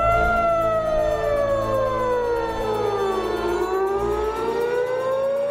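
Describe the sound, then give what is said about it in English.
A loud, sustained siren wails across Tehran with a slow falling-then-rising pitch sweep, its tone layered with harmonics over a low rumbling background. No one speaks. “The sirens screamed across Tehran.”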